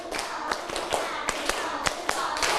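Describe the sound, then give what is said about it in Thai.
Rhythmic hand claps in quick groups, about a dozen sharp slaps in a steady patterned beat, with a faint background murmur underneath; schoolchildren clapping one set on a teacher's cue. “ปรบมือ1ชุด1ชุดก่อนนะตั้งสติปรบมือ1ชุด”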